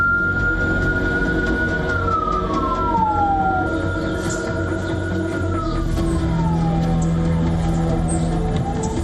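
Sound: ambulance sirens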